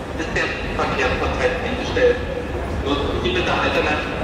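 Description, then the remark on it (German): Steady ambience of the crowded Berlin Hauptbahnhof train station hall in Germany in the late evening, as rail traffic across the country has stopped: a constant murmur of many voices echoing in a large space, with scattered footsteps and faint clatter mixed into the wash of noise. “In ganz Deutschland ging ab dem späten Abend nichts mehr im Bahnverkehr, wie hier am Berliner Hauptbahnhof.”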